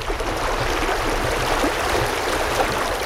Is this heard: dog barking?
no